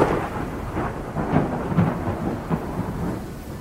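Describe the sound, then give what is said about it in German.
Deep thunder rolls and rumbles steadily through a storm, with a few louder cracks rising out of the continuous low roar; no voices, just the heavy weather. “Ein Blitz? Gibt es hier Gewitter?”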